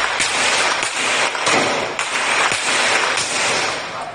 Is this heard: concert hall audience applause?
no